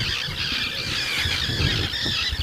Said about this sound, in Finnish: Kalatiirat pitää tuossa nyt kovaa meteliä, nekin ihan vasta hetki sitten ilmestyi tuohon.